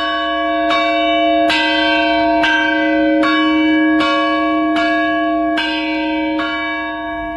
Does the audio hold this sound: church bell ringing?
yes